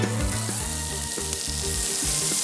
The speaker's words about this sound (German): Oh, da werden die Koteletts auf den Griller raufgeschmissen. Es riecht hier aber wirklich köstlich.